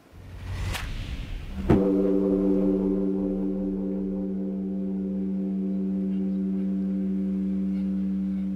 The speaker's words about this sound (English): Yeah, a child calling out for your mother. Yeah. And let's take a listen to actually how the bell really sounds like.